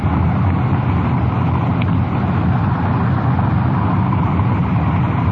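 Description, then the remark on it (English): A patrol car's engine rumbles steadily with constant road and wind noise as the car drives along, shifting into second gear to begin slowing down. No one speaks. “Slipper into second gear and begin to slow down.”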